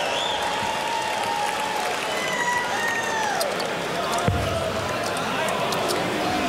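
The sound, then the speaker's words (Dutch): A large indoor darts crowd at a final roars and cheers steadily, believing a 180 had been thrown, with whistles and calls rising above the dense wall of noise and a brief sharp thud near the end. “Het publiek dacht een 180 te hebben gezien van Ryan Joyce, maar dat was niet zo.”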